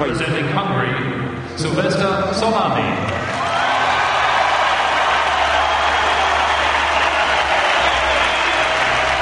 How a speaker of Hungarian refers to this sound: Csollány Szilveszternek szólt a taps, az olimpiai bajnoknak, akinek ebben a pillanatban akasztják a nyakába az aranyérmet.